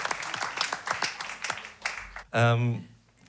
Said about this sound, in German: Trotzdem, bitte Applaus für euch, dass ihr da seid. Ja, das ist echt voll schön.